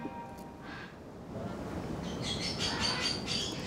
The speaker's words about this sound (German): Wenn nur die Vögel nicht so einen Lärm machen würden.